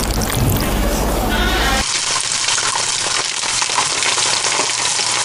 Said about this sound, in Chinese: 将包好的鸡蛋卷放入油锅炸至酥脆定型